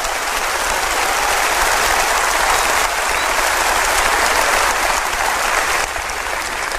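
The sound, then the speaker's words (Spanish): Loud, sustained applause from a crowd at a Spanish-language church service, given to the Lord, a dense wash of clapping that holds steady for several seconds with no one speaking over it. “Óigame, si usted va a dar ese aplauso, délo como se tiene que dar.”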